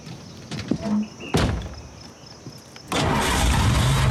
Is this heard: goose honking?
no